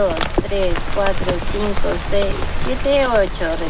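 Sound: heavy pouring rain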